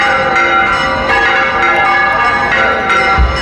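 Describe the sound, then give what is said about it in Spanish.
Church bells of the sanctuary of the Blanca Paloma in the village of El Rocío ring loudly and steadily, their rich overlapping tones sustaining and blending into a continuous metallic peal with faint repeated strikes, full, with no voices present. “Esto que escuchan es la historia de una llamada, la curiosa historia detrás de las campanas del santuario de la Blanca Paloma en la aldea del Rocío.”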